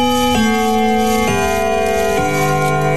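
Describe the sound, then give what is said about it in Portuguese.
A clock bell chimes to mark 5 o'clock in the afternoon, loud, with successive strokes roughly a second apart whose rich ringing tones overlap and sustain. No one speaks. “Olha só, virando 5 horas da tarde em ponto, 5 da tarde, vamos tocar o sino.”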